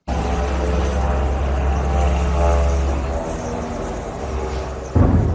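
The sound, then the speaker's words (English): A steady, droning propeller engine of Ukrainian attack drones buzzes loudly and continuously overhead in the skies over Moscow, Russia, during a large drone attack on the city. Its harmonic whine holds for several seconds before a sudden louder burst near the end. “So to Moscow, where the sounds of drones filled the skies as Ukraine launched its largest attack of the full-scale war on Russia's capital.”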